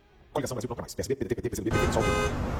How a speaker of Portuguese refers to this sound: O trânsito nessa cidade está cada dia mais caótico. Nesse momento, o trânsito na Rua das Pedras está bastante difícil.